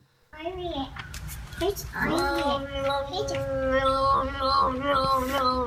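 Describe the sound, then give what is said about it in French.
Peanut, a cat found on the Internet, lets out long, warbling meows that break and leap between pitches like a yodel, one continuous, fairly loud vocal run lasting several seconds. “Un chat yodeleur ?”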